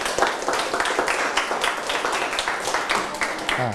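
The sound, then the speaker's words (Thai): A group applauds a friend who has just finished telling a tale, with dense, steady clapping that continues for a few seconds at a fairly even level, with small surges in loudness throughout. “จบละ ปรบมือให้เพื่อนนะครับ”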